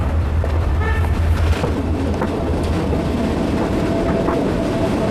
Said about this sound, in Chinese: 时隔百年，这条曾经贯穿滇南地区交通大动脉的铁路已经成为旅游线路。火车缓缓而行，带给人们浪漫与休闲的体验。